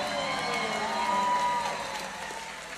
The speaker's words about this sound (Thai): ขอบคุณมากครับขอบคุณมากครับอาจารย์ขอเสียงตบมือให้อาจารย์ธนิตศรีกินทีครับ